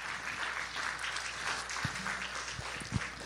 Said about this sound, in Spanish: Denle una ofrenda de palmas al Rey de Reyes y Señor de Señores.